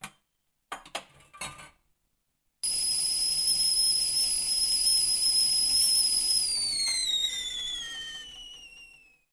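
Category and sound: household object, kettle boiling and whistling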